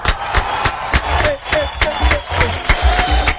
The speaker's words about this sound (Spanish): y este aplauso es para ti